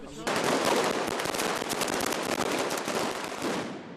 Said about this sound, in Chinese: 与此同时，西班牙马德里也爆发劳工游行，抗议者燃放鞭炮及红色信号弹，高喊工人阶级万岁等口号穿过街道。